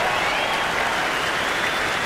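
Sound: audience cheering and applause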